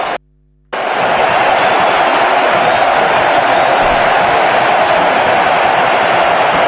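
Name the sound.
crowd cheering and chanting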